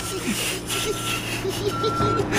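A heavy truck's engine rumbles steadily nearby while a high, piercing warning tone sounds in long stretches, like a vehicle's reversing alarm, over a busy outdoor background.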